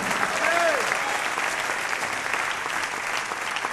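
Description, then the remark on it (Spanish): A crowd claps for the Lord in steady, dense applause that holds at an even loudness throughout, with a faint voice or whistle-like tone rising briefly near the start. “Denle un fuerte aplauso al Señor si tiene ya esa grata compañía.”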